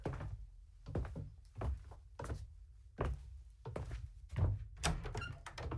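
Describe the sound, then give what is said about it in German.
A door to the back room of a shop opens with a dull thunk, followed by a series of heavy footsteps moving at an uneven walking pace over a low rumble, with no talking. “Lass uns mal durch die Tür da nach hinten in den Laden.”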